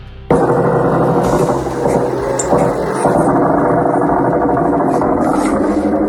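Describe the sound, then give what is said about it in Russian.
A loud, steady engine-like buzz of attack drones flying over a house during a drone attack on the port of Ust-Luga starts abruptly and drones on without a break, a thick mid-pitched whine with faint higher tones over it and no voices. “Над домом летают. Жужжат, и все где-то летит.”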